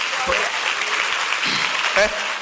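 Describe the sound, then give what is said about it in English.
A crowd claps steadily, a dense, even wash of many hands applauding at once, with a few voices briefly calling out over it, clapping for Jesus after a simple prayer. “Simple prayer like that, clap for Jesus.”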